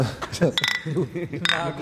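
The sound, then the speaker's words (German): Glasses clink together in a toast, two short bright rings, while people talk over and between them. “Prost, vertrauen wir uns wieder.”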